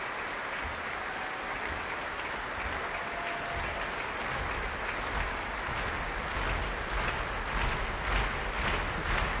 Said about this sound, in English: Kirill Gerstein is coming on stage. Applause from the orchestra too.